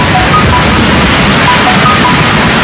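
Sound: heavy rain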